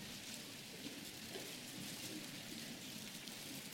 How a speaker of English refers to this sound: I love to hear the rustling of the pages.